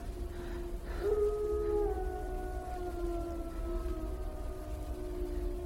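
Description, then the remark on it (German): Several mixed-breed wolves howl together in long, wavering, overlapping tones that slowly slide downward, sustained for several seconds over a steady low background rumble. “Wölfe.”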